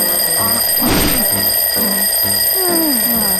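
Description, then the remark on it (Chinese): A loud alarm clock rings continuously with a steady, shrill electronic tone, broken by a dull thump near the start and some low, wobbling sounds underneath. No one speaks. “我不是给了你3个闹钟吗？”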